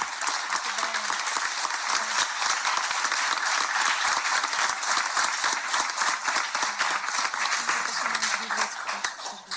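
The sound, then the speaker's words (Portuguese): Sustained applause from an audience at an oratory contest, a dense, steady wash of many hands clapping at once, holding an even loudness for nearly ten seconds with no voices standing out. “E então é uma salva de palmas à literatura e à arte.”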